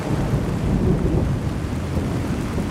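Heavy, torrential rain pours steadily in a dense wash of noise, with deep thunder rumbling low underneath throughout, the water flowing into the courtyard of the synagogue on Oranienburger Straße in Berlin-Mitte on a Sunday in June. No voices are heard.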